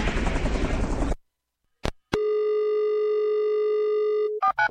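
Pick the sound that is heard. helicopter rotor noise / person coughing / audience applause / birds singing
helicopter rotor noise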